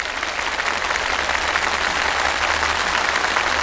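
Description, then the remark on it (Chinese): Steady applause from a studio audience congratulating guests who answered all five questions correctly, a dense, even patter of many hands clapping at once, sustained at constant loudness for a few seconds with no voices over it. “五道题全部答对，我们掌声祝贺。”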